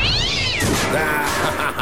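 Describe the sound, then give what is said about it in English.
A cat lets out a single loud, drawn-out meow during fireworks in a backyard, its pitch bending downward, then a burst of rough, crackling noise takes over. No one speaks. “You know, they say cats are supposed to be scared of fireworks. Yeah, do they? Well, not this cat.”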